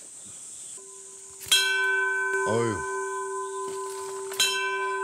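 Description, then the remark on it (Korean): A large bell on Mudeungsan mountain, South Korea, rings out with a deep, sustained hum that lingers across the whole clip, struck again near the end, with a brief voice and a low thud in between. “종소리 좋다.”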